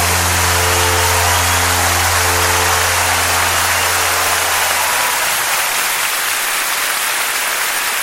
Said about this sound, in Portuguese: agora sou eu que aplaudo vocês. Oh, meu Deus, que lindo!